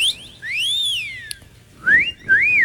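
A person whistles a melodic tune: a long rising-and-falling note, a brief pause, then two shorter upward-sliding notes. It is clear and fairly loud, with no talking.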